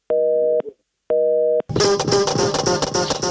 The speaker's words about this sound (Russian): И сейчас опять звоним Тарасу Владимировичу, чтобы узнать, почему он, у него опять занят телефон